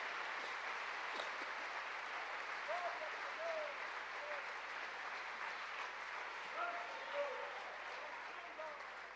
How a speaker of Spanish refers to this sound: ¿Cuánto le damos gloria al Señor? ¿Cuánto le damos un aplauso a Dios, dándole gracias por cada hermano, por cada hermana?